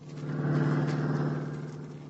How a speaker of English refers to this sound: Now, Nick and Scubby are in Nick's car. Scubby is driving.